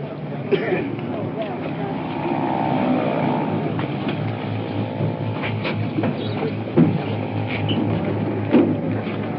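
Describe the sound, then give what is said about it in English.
An ambulance rumbles steadily as it rolls in and pulls up, its low engine drone joined by a faint whining tone and a few sharp knocks and clatters over the last few seconds. “Here comes the ambulance rolling in.”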